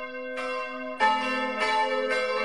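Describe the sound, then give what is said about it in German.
The five bells of the Catholic church of St. Katharina in Innertal, Wäggital, canton Schwyz, Switzerland, ring in an overlapping peal, with fresh strikes arriving roughly every half second over a steady, sustained hum of resonant tones. The sound is fairly loud and continuous, with no voices present. “Zum Sonntag hören Sie das Glockengeläut der katholischen Kirche St. Katharina in Innertal im Wäggital, Kanton Schwyz.”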